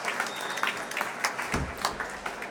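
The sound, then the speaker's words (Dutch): An audience at a farewell concert applauds soprano Genreis and Lahav Shani as they slowly climb the stairs beside the stage: a dense patter of many hands clapping with scattered sharper claps standing out, sustained at a moderate level throughout without any voices. “Afscheid nemend van een dankbaar publiek dat hier op het podium, naast de trap, opnieuw weer applaudisseert voor deze twee.”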